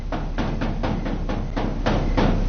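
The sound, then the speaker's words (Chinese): Someone outside knocks on a door again and again, sharp raps falling in a loose, uneven rhythm over a steady hum of background noise, with no voices. “外面有人敲门。”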